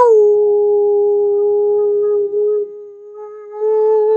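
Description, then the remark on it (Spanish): A dog lets out one long, loud howl, dedicated to all mothers for Mother's Day, holding a steady mid-pitched tone, softening briefly near the end before swelling again. No one speaks. “Un gran aullido con mucho respeto, con mucho cariño, con mucho amor, con mucho reconocimiento, con alabanzas a todas las mamis del mundo.”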